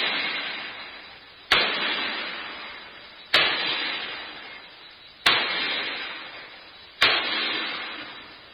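Four loud metallic clanging blows of a sledgehammer tightening the wing bolts that hold a door shut for a watertight seal. The blows are evenly spaced about two seconds apart, each ringing out and slowly decaying before the next strike.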